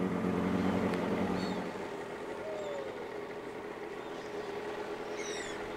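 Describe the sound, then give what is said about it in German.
A boat motor drones steadily on a lake, a continuous low engine hum with a rushing wash of water, slightly louder at first and then even, while faint high chirps flicker above it, as the boat heads to the other side of the lake for winter storage. “Und jetzt mit dem Boot, das ist total schön.”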